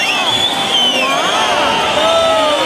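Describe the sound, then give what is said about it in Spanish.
A large bullring crowd roars and shouts continuously, demanding an ear trophy for the bullfighter Ruiz Fernández: a dense wall of many overlapping voices with rising and falling cries, loud and steady throughout with no break. “Porque el estruendo es brutal.”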